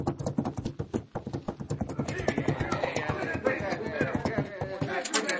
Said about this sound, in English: Look at that fella beating his horse.